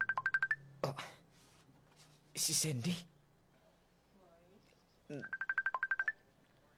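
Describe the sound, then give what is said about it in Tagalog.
A cellphone rings with a burst of rapid, chirping electronic beeps, then rings again near the end; in between, someone speaks briefly and there's a short rustling noise. “Oh, may nagpanawag. Cellphone ko.”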